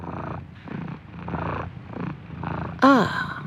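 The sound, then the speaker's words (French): A cat purrs in steady, rhythmic cycles of rumbling breaths, then lets out a brief, bright meow at the end. “Je suis un chat.”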